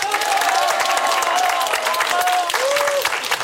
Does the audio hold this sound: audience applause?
yes